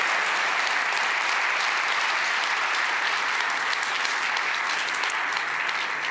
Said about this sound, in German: Einen ganz, ganz großen Applaus und danke für deine Arbeit